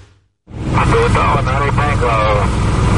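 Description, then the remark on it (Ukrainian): A loud, steady roar of a military aircraft engine begins abruptly after a brief quiet moment and holds constant, with a voice talking over the droning noise. Paratroopers carrying oxygen supplies and other medical equipment are dropping from the aircraft onto Britain's most remote island. “Парашутисти із запасами кисню та іншим медичним обладнанням десантуються із військового літака на найвіддаленішому острові Великої Британії.”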